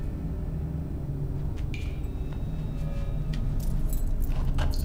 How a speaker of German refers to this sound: Schlüssel! Ja, komm, komm her.